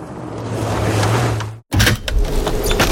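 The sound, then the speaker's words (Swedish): A window is opened: a steady motorized whir runs for about a second and a half, cuts off abruptly, then gives way to a louder burst of rushing, clattering noise. “Måste du öppna fönstret för att få luft?”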